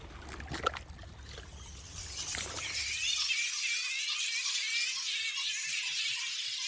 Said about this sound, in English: Listening to a flying fox colony is really hearing one of the last fragments of ancient acoustic Australia, if you will.